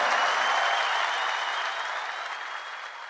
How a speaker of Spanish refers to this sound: muchas gracias. Maestro …, fuerte el aplauso.